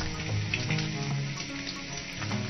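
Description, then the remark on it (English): Steady, crackling sizzle of bacon frying in a hot pan, a dense hiss of popping fat that stays constant throughout, with no voices. “And of course, frying bacon.”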